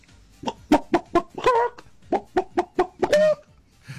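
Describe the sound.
A voice imitates a chicken, giving two bursts of quick, choppy clucks that each end in a drawn-out squawk, fairly loud, with no other talking.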